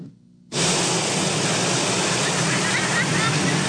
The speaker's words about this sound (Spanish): Este fin de semana el fenómeno del mar de fondo se resintió en las playas de Acapulco. El alto oleaje se notó con fuerza en Playa Papagayo, así como en Caleta y Caletilla.